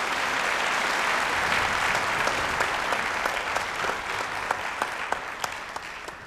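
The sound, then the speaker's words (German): A large audience claps steadily for the musicians of L'Arte del Mondo and artistic director Werner Erhardt, a dense wash of many hands with individual sharp claps standing out, the applause slowly thinning toward the end. No one speaks. “Und in diesem Sinne nochmal ganz, ganz herzlichen und einen großen Applaus, herzlichen Dank und einen großen Applaus für die Musikerinnen und Musiker von L'Arte del Mondo und für den künstlerischen Leiter Werner Erhardt.”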